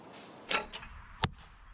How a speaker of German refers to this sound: Sind ja zum Glück noch ein paar Pfeile da. Nicht einfach mit dem Bogen zu treffen, aber scheinbar süchtig machend.